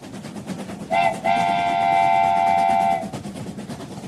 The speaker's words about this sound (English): Hey everyone, get ready for a train-tastic ride because we're aboard the Rat Express today. Hope you all punched your tickets today.